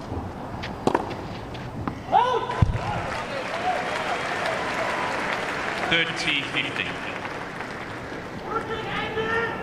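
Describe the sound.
Several sharp, echoing thwacks of a tennis ball being struck on a clay court under a closed roof, in a match with Zheng Qinwen, ring out at irregular intervals over a steady indoor crowd murmur, with faint voices and whistling tones in the background.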